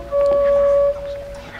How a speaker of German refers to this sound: Mittags, als sie kamen, hat man die Hupe schon von fern gehört.